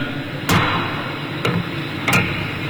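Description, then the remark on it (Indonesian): Three sharp wooden gavel knocks strike the table at uneven intervals, each a crisp thud that rings briefly over quiet with no talking, as the session gavel is taken up and a session of the Indonesian MPR (People's Consultative Assembly) is continued. “Palu sidang telah kami terima dan sidang kami lanjutkan.”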